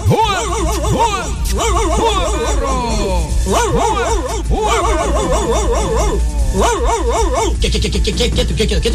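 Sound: dogs barking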